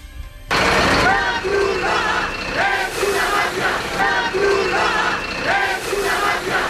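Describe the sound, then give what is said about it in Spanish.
A large crowd of protesters in Ceuta, Spain, blocking Red Cross food trucks at Trampolín beach, chants 'La Cruz Roja es una mafia' in loud, rhythmic unison, the repeated phrase rising and falling over a steady roar of voices. “La Cruz Roja es una mafia, cantaban.”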